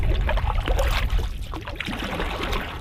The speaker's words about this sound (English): On a beautiful, sunny morning in late spring, I find myself in the stern of a canoe, snaking through a river not 2 meters wide in parts.